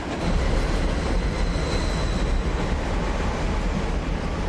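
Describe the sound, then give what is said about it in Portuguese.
A London Underground train roars along in a steady, loud, low rumble with a faint high whine, the noise continuous throughout, with no voices. “descobriu como chegar até uma estação do metrô de Londres.”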